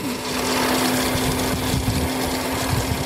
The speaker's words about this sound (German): Wenige Minuten später surrt ein elektrisch betriebenes Motorrad die Straße hinunter. Man hört es kaum.